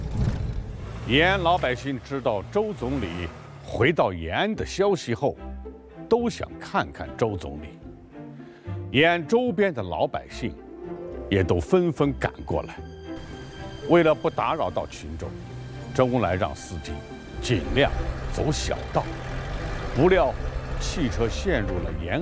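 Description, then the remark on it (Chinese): A jeep carrying Premier Zhou Enlai near Yan'an, sunk deep in the marshy mud of a dirt road along a riverbank, revs hard again and again as the driver floors the accelerator, its pitch surging and dropping in loud bursts as the wheels spin without gaining traction. “泥泞的土路，深陷的吉普车。”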